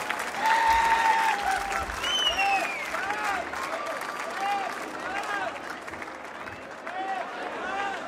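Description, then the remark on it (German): A crowd claps steadily for several seconds in a dense, loud, continuous patter, with sharp whistles and scattered cheers rising over the applause before it eases slightly toward the end. “Dein Applaus.”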